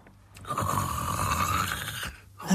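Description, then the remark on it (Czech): A single long, loud snore from inside a cottage rasps steadily for nearly two seconds, a rough buzzing drone like a saw cutting wood, with no talking. “Řeže pilou. Řeže nám chalupu.”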